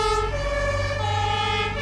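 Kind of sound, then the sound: vehicle, modern fire engine siren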